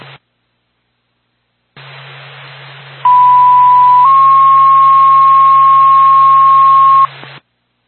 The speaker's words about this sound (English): Marpak, Whitefield Fire Department, standby for tone.